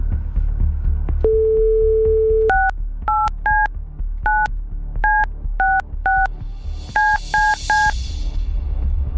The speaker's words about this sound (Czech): Tak. Vždycky trošku cvičeníčko nahnout se k tomu telefonu, ale máme vytočeno snad správně, vždycky doufám. Teď jde jenom o to, aby to na druhé straně někdo zvedl.